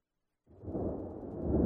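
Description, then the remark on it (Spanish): After a brief silence, deep rolling thunder swells in and keeps building, a loud, continuous low rumble with no voices over it. “Escucha los truenos.”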